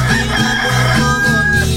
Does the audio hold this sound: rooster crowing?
yes